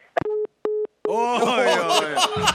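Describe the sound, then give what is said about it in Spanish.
Two short, steady beeps of a phone busy tone, after the producer hung up a call during a live TV broadcast on set, sound clear, then a third tone is swallowed by a sudden burst of loud laughter and overlapping voices. “El productor le ha colgado el teléfono.”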